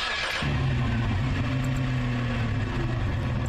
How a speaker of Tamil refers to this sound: ஆனா இங்க பாருங்க, இந்த கார் டிரைவரே இல்லாமலே நகர ஆரம்பிக்குது.